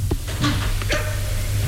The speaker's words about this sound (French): Elle entre. Toujours ses chiens. Toujours ses chiens.